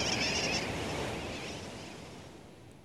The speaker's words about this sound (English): Some say sooty terns derive their nickname wide awake from the kerwackiwack or wackiwack of their calls.